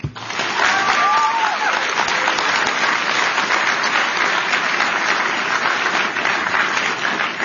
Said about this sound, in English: Can we get a bipartisan round of applause for Secretary Kennedy and the diverse group of medical and advocacy groups who are working together to combat special interests and deliver transformational food reform?